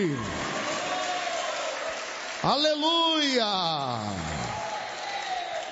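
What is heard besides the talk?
audience applauding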